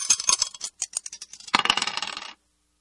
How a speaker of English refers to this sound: Let's just throw the dice and see what we're going to play from this.